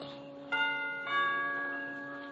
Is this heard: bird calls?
no